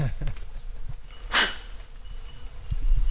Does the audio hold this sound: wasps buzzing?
yes